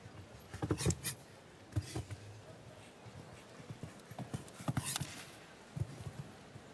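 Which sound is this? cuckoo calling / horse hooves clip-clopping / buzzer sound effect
horse hooves clip-clopping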